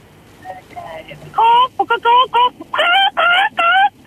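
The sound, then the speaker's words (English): A radio caller imitates a chicken to win a chook, with a run of loud, strained clucks, about seven sharp bursts in quick, uneven succession after a brief quiet start, forceful. “Well, give me your best chicken impression whenever you're ready.”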